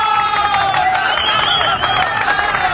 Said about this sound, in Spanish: Un aplauso enorme para este héroe de nuestro mar peruano.